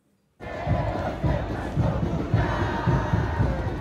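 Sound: football fans cheering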